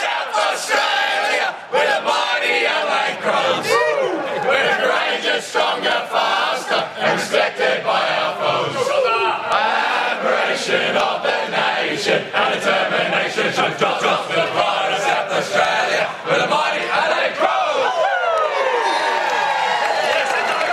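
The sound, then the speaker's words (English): A rowdy group of voices belts out the Adelaide Crows club song together after the team's 79-point win, loud and continuous, with shouts, whoops and sharp claps punctuating the singing throughout. “but we will get down there in a moment for the Adelaide song.”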